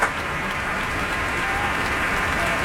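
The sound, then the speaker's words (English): A large audience claps steadily in a concert hall as soloist Yuja Wang takes the stage, a dense, continuous wash of applause with a few cheers mixed in, holding at an even loudness throughout. “And now you hear the crowd singing.”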